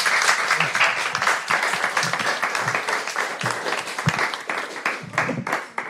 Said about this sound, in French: Eh ben bravo, on peut peut-être les applaudir.